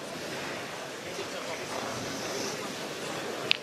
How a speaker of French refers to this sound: Avec ce vent qui électrise aussi tout le monde.